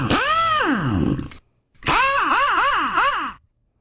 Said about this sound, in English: That's them building a car. Oh, that's what that is. I thought it was NASCAR. That's an impact wrench right there.